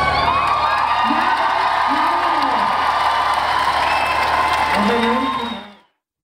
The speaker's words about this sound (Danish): Og han blev klappet ud.